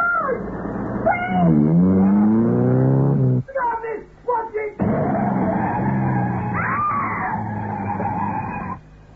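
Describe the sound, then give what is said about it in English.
A loud screech of car brakes, a drawn-out wailing squeal that slides up and down in pitch, briefly breaks off midway, then resumes and holds until it stops abruptly. “the shout, screech of brakes, and Nellie knew no more”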